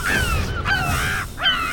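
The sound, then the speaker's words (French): A gull calls loudly, three harsh, strident cries in quick succession with rising and falling pitch, over a steady background hiss. “Ah, il recommence à chanter. Ses cris sont vraiment, vraiment très sonores.”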